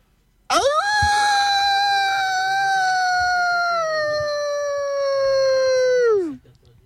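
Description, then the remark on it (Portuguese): A person imitates a wolf howl, one long, loud sustained note lasting about six seconds that holds steady and then slides downward before cutting off. “Pode soltar um uivo?”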